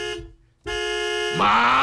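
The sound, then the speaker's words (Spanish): A car horn honks loud: a short blast, a brief pause, then a long sustained honk that jumps to a brighter, higher tone partway through. “¡Suena bonito mi claxon!”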